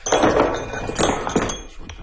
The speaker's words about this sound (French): Un autre marteau.